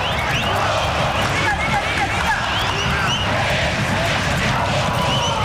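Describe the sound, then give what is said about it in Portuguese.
A large stadium crowd of Corinthians football supporters in Bragança Paulista, at a match against Bragantino, roars and sings together, a dense, steady wall of many voices that stays loud and continuous throughout, with no single speaker standing out. “Escuta aí a torcida do Corinthians.”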